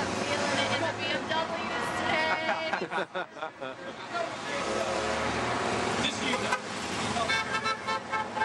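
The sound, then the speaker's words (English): Car and bus horns honk repeatedly for cyclists amid busy street traffic, several loud toots overlapping one another, with people's voices and crowd noise mixed in throughout. “People honking for bikes now. Yeah. Even the bus.”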